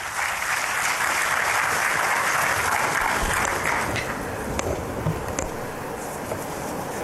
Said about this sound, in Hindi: मैं सर्वप्रथम श्रीमती नीलम शमी राव, सचिव वस्त्र मंत्रालय भारत सरकार से अनुरोध करती हूं कि वे कृपया अपना स्वागत भाषण दें। जोरदार तालियों से स्वागत कीजिए।